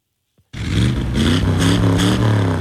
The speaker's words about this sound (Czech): Na 250 vozů s burácejícími motory dnes ozdobilo zámecký park v Pacově. Sešli se tam majitelé a fanoušci klasických amerických automobilů a veteránů.